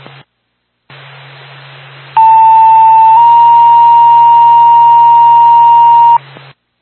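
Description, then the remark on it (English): An EMS radio dispatch paging tone, calling out an EMS crew to a medical alarm activation, over a hissy channel: one steady pitch briefly, then it steps to a second long sustained tone lasting about three seconds before cutting off. Loud and continuous. “Stand by the tone.”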